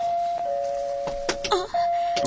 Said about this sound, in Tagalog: May nag-doorbell.